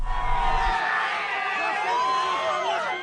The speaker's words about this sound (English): Crowds cheers right-wing senator and presidential hopeful Flavio Bolsonaro arrives for an event in Sao Paulo